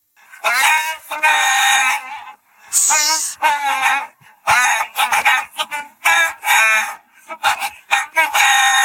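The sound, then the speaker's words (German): A melody rendered entirely in imitated chicken clucks and squawks for the Radio Gackack song-guessing quiz on Ego FM, in loud, rhythmic bursts with short gaps, like a tune sung by a hen; no ordinary speech. “Songs erkennen, die mit Hühnergegacker nachgesungen werden.”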